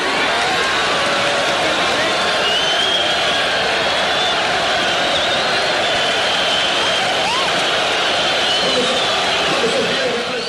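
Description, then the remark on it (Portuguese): A large crowd at a rally for direct elections boos steadily at the PDS party mayor of Novo Horizonte, Sidney Francisco Zidiasi, as he tries to speak, a dense, unbroken roar of many voices holding loud for about ten seconds, with scattered shouts rising above the mass. “A cúpula do partido era contra as diretas, daí as vaias.”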